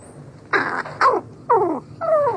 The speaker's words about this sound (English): Unlike many birds, crows don't sing loudly to attract mates from a distance. Instead, they sing softly and at close range during courtship, with a rich mix of soft cooing, rattles, growls, bowing movements, and mutual nuzzling.